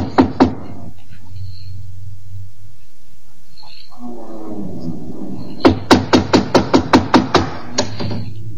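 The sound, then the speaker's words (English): Two sharp knocks on a captain's cabin door, a pause with a low hum and faint murmuring, then a rapid, steady series of about eight loud knocks. “Here, door. We knock? First.”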